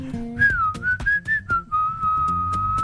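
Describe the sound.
Someone whistles a song's melody, a bright sustained tone gliding between notes in short phrases over a soft backing track with a steady beat.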